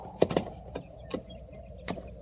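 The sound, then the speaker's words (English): A horse's hooves shuffle and knock in an uneven clip-clop, about six hollow thuds scattered irregularly rather than in a steady gait, moderately quiet, with no voices. “Oh, hold still, horse. I'll mash your sides in.”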